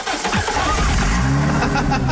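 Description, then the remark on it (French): A car engine restarts automatically via its start-stop system with a short starter whir, then catches into a steady idle rumble that keeps humming to the end. “Oh, il me saoule ce start and stop.”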